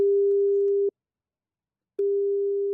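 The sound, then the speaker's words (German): A telephone ringing tone sounds twice as a phone call is placed: a steady, moderately loud single-pitched beep of about a second, a pause, then the tone begins again. No voices are heard. “Und gestern hat er wieder angerufen, der Jörn.”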